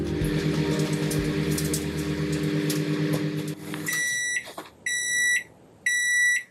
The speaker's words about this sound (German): Oh, ich glaube, da kriege ich was frisch aus der Mikrowelle geliefert. Und wie es dampft und duftet.